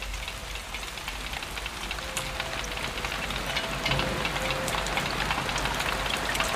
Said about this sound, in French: Et j'entends la pluie me dire « Là, là, là, l'illusion qui croit en elle. »